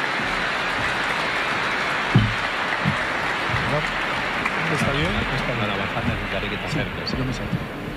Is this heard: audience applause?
yes